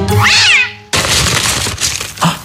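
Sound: cat meowing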